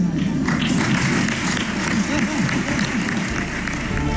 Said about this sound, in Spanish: Dicho esto, confirma que habrá presentación de presupuestos y ganas de presentarse y seguir gobernando otros 4 años, pero sin la cerrada ovación de otras ocasiones, o al menos así sonaba.